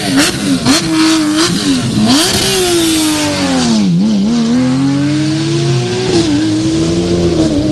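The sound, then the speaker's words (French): A rally car engine roars loud, revving hard through several gear changes as it accelerates past on a special stage crossing Trois Bancs, its pitch rising and dipping continuously with no voices. “Voilà, je vais m'amuser à faire quelques photos là pour les autres participants, histoire que l'on garde aussi quelques souvenirs de ces voitures qui font cette traversée de trois bancs.”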